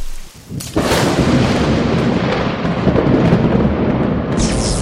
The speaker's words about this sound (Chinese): 这山里怎么突然就打雷下雨了？我们的宿营要泡汤了吗？